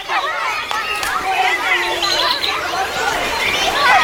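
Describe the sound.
Outdoor park ambience: several people chatting at once, a steady murmur of overlapping, indistinct voices that stays even throughout.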